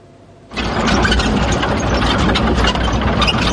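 armored vehicle engine running

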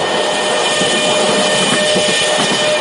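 train running on rails

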